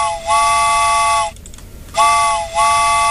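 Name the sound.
train whistle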